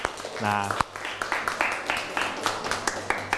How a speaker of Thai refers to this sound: ถูกต้องปรบมือให้กับเพื่อน